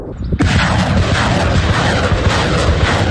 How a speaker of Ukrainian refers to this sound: Ці ракети «Граду» летять на 40 кілометрів, і для ворогів завжди сюрприз.